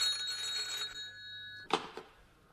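A telephone rings with a bright, sustained metallic trill for about a second and a half, then stops, followed by two quick clunks like a handset being lifted. No one speaks.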